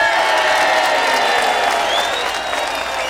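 A crowd applauds a longtime member of a band, a dense, loud wash of clapping that barely dips, with high cheers and a rising whoop or whistle cutting through near the end.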